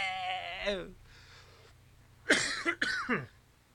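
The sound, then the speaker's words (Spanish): A person coughs hard in a couple of harsh bursts after a brief vocal sound and a quieter pause, with a low hum underneath. “No voy a hablar más porque si no me voy a poner a toser como loco a esta hora de la tarde.”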